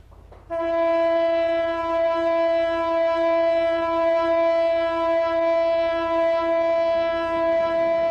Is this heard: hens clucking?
no